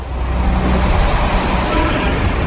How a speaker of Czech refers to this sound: Když pracovníci v metru vypnou elektřinu, běžné soupravy nahradí motorové univerzální vozíky, takzvané MUVky. Jsou žluté a technici s nimi dopravují různé stroje.